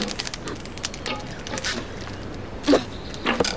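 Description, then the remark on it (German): An arrow is loosed from a bow by a girl and strikes a target with a sharp thwack, followed moments later by a softer knock, over steady outdoor background noise. “Konzentrier dich. Leg den Pfeil ein. Atmen. Spannen. Fixieren.”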